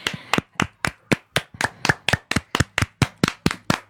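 A round of applause: steady, evenly spaced hand claps, about sixteen sharp smacks at a brisk rhythm with no talking, like one or two people clapping.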